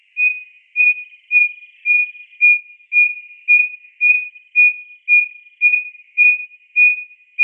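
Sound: striped-breasted wren hoot song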